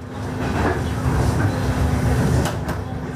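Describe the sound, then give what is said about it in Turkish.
A Ukrainian passenger train, which has carried 4 million Ukrainians to neighbouring countries since the war began, rolls along the rails with a steady low rumble and a faint hum, while a couple of sharp clacks break through near the end. “Savaş başından bu yana 4 milyon Ukraynalıyı komşu ülkelere taşıyan tren bir demir diplomasiye dönüştü.”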